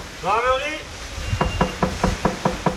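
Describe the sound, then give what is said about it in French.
A short burst of voice opens, then a quick, steady run of about seven sharp knocks on a door, distinct and evenly spaced: gendarmes knocking on house doors as they go round the houses, telling residents to leave before a wildfire arrives. “Les gendarmes qui tapent aux portes, qui font le tour des maisons.”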